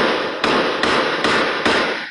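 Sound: gunshots from surveillance footage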